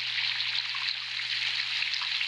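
Steady rain hisses without a break, leaking through the roof of a house: a dense patter of drops with no distinct individual drips standing out, over a faint low hum. No one speaks.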